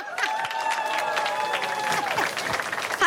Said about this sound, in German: Ein Applaus für unsere Zeltcrew.